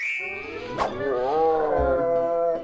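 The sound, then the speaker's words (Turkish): A hungry tiger's roar that rises into a long, wavering growl, loud, with a sharp click near the start and no talking over it. “Kaplanım acıkmış.”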